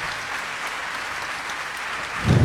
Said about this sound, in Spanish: Que ese aplauso sea más largo para recibir a un amigo, un musicazo chileno